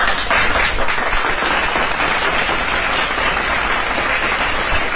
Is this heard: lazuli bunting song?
no